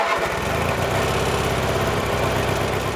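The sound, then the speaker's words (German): A man's lawn mower engine runs steadily as he rides it mowing at a building site on Saaremaa island, its loud, rough drone holding a constant pitch with a buzzing, vibrating rattle throughout. “schwingt sich Priet jetzt wieder auf seinen Rasenmäher und macht weiter”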